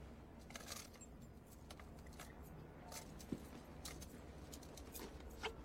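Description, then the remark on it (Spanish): Handcuff keys jangle and clink in a quick, irregular flurry of small metallic taps, soft, as they are handed over to someone, with a low steady background hum. “Le da las llaves.”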